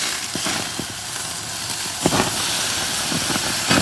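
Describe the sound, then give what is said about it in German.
A huge porterhouse steak, the first steak of the week, sizzles steadily on a hot grill, a constant hiss scattered with sharp crackles and pops, with no voices over it. “Brutzelt hier so vor sich hin.”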